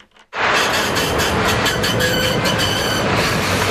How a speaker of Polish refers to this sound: Co to był za tramwaj, co odjechał?